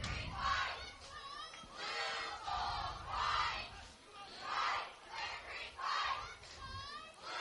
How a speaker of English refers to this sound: They've got everybody cheering. It's when you win and you're winning, the cheers are louder.